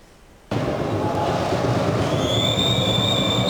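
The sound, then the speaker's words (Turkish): A loud, steady crowd roar bursts in, and about two seconds later a referee's whistle blows a long, sustained high note over the noise, starting the Ziraat Turkish Cup match between Zonguldakspor and Düzce Cam Düzcespor at Zonguldakspor's home. “İlk düdük sesi ve maç başlıyor karşılaşmaya.”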